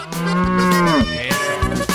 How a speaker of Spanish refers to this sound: El sonido de la vaca, Furby. El sonido de la vaca. Cuando yo diga agropecuario, tú metes el sonido de la vaca.